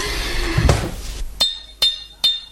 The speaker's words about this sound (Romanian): Bate gongul. De trei ori, auzi? De trei ori.